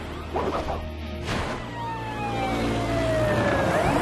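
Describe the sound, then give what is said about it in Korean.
The siren of Marshall's fire truck wails in long, sweeping tones over a low engine rumble, after a sharp crash partway through; the siren is loud and steady to the end, with no talking. “꽃게가 소방차를 문다는 얘기 들어본 적 있어?”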